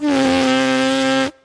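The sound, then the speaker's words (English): A steady, buzzy lip vibration, a horn player's plain buzzing without the horn at the lips, held for just over a second, loud with a rich stack of harmonics, then cutting off abruptly. No talking. “Yeah, so this is the plain buzzing.”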